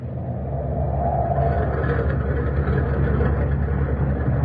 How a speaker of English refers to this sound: Listen. Listen to the turbines. They've got it wide open.